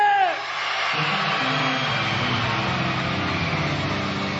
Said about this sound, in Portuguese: Eu quero agora chamar os homens de perna comprida e os meninos de perna curta para gritar eu no três, tá bom? Vão gritar forte? Quem é corajoso? Quem é forte? Os meninos gritam eu!